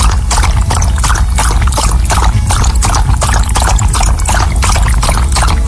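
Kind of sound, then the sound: household object, water being poured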